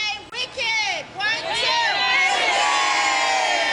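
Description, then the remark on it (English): A big crowd of excited schoolchildren arriving on packed school buses for a theater outing in Downtown Crossing, Boston, cheering and shouting together, loud, with high-pitched voices overlapping into a continuous roar that swells and holds steady. “Their wicked excitement could be heard loud and clear as packed school buses screeched to a stop.”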